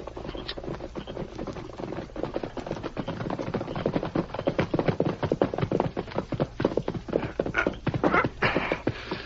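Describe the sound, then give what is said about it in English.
A horse's hooves clip-clop in a quick, steady rhythm, the sharp knocking beats building slightly in loudness as the horse approaches a cabin. No one speaks. “There's a horse coming, Sheriff.”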